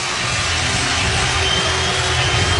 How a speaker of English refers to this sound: Line drive single, Henderson scores, and you are going to hear a huge ovation, 34,000 plus on their feet here at Comerica Park.